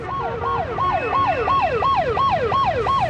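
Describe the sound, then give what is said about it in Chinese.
A distant police siren wails in a fast, steady yelp, its pitch sweeping up and down about three times a second, with a low rumble of traffic underneath and no voices. “远远地传来了警笛声。”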